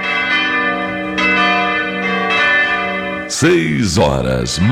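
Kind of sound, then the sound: signal or alarm, church bells ringing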